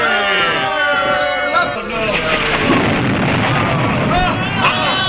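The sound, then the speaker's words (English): Loud, continuous rumbling crashes of thunder and lightning strikes from a clear sky roll on for about five seconds during a battle between Philistine and Israelite armies, mixed with a din of shouting voices and battle-like booms. “Lightning from the clear sky.”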